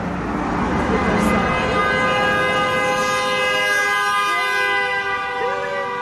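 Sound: car horn honking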